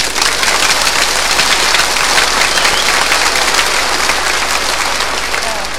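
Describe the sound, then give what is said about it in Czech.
Loud, frenzied applause from a large audience giving frenetic applause on request, a dense unbroken wash of rapid clapping that stays intense and steady for the whole stretch, with no voices standing out. “Frenetický, zvaný freneťák, jo?”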